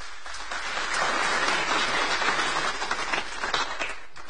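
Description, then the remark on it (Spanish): A crowd claps steadily in sustained applause, a dense wash of hand claps that swells slightly midway and holds at a fairly loud, even level throughout, with no voices heard. “Un fuerte aplauso para cada uno.”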